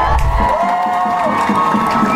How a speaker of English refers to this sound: A huge crowd. There were so many people, Jesus had to get into a boat.